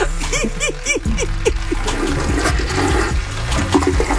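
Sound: toilet flushing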